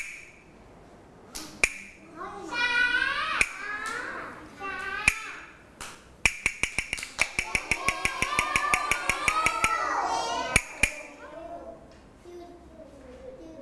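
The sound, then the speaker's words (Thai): A teacher gives hand-clap signals to children during a morning movement activity: sharp, crisp claps, first a few single claps spaced apart, then a quick steady run of many claps, ending with a couple more, while voices talk and call out underneath. “โอ้โหเยี่ยมมากค่ะเด็กๆหลายคนนะคะฟังเสียงสัญญาณแล้วตอบได้เลยว่าเป็นสัญญาณอะไรแสดงว่าเด็กๆทราบข้อตกลงของเราแล้วใช่ไหมคะ”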